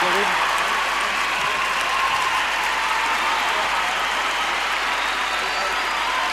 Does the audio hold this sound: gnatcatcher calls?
no